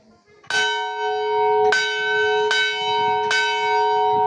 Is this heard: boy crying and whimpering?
no